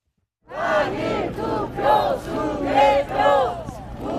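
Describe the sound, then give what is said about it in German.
A crowd of protesters (retirees, young families and teenagers) chants 'repeat the election' and 'election fraud' in unison while blocking the entrances of the handball stadium in Seoul's Olympic Park under blazing sun: loud rhythmic shouted phrases rising and falling in repeated bursts, many voices blending together. “Ob im strömenden Regen oder wie heute in der prallen Sonne, Tag für Tag blockieren Protestierende alle Eingänge des Handballstadions im Olympiapark in Seoul. Wiederholung der Wahl und Wahlbetrug skandieren pensionierte, junge Familien und Teenager.”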